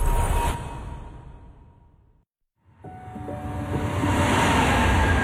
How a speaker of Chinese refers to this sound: 地铁穿梭城市喧嚣，人潮匆匆